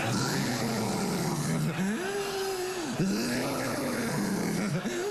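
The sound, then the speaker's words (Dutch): A voice imitates a partner's loud, rumbling snore, a continuous throaty groan that rises and dips in pitch like a jeep braking on forest ground, sustained for several seconds. “Ik zeg, als jij snurkt, het klinkt als een jeep die afremt op bosgrond.”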